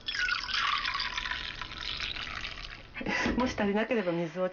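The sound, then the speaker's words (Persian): About 230 ml of dashi broth pours steadily into a pot of rice that was soaked in water for 30 minutes, with a continuous splashing trickle for about three seconds, then stops as a person starts talking. “بیایید سوپ داشی رو به اون اضافه کنیم.”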